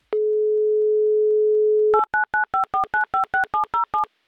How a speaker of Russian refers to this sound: Номер телефона мы набрали. Ждем соединения. Занято.